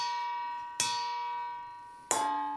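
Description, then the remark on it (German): Two sharp metallic strikes, spaced about a second apart, as a long wooden spoon hits a pasta colander to imitate church bells at the start of a Flying Spaghetti Monster church mass; each leaves a bright, sustained ringing tone that fades slowly like a small bell. No voices. “schlägt konzentriert mit einem langen Holzlöffel auf ein Nudelsieb. Das soll die Kirchenglocken imitieren, die zur christlichen Messe rufen.”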